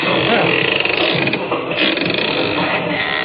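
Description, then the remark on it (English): A door creaks open with a loud, drawn-out, rasping groan that grinds on steadily for about three seconds, heard on its own. “And a good thing, too, or they'd have seen that door open.”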